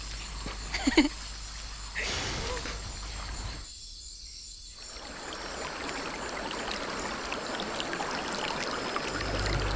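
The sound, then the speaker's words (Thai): A forest stream flows and trickles in a steady hiss of running water, briefly cutting out partway through before resuming, with a faint murmur of voices near the start. “พวกเรามาเจอลำธารแห่งนี้ได้ยังไง พวกเราเดินลงมาที่ต่ำค่ะ”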